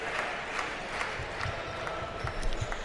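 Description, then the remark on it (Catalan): A steady wash of crowd noise fills an arena in an ovation for Jabari Parker, with a rhythmic pulse of claps or stomps running through the cheering. It swells slightly louder toward the end. “I ara ovació per Jabari Parker, 24 de valoració, quin recital la criatura, 17 punts.”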